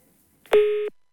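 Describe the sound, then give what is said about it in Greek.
A click as the phone line drops, then a single steady electronic tone holds for about a third of a second and cuts off, leaving silence. No one speaks. “Έκλεισε και το τηλέφωνο.”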